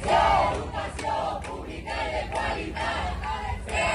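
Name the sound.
protesting teachers chanting slogans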